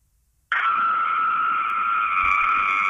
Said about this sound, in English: It's a good scream. You're definitely a mum.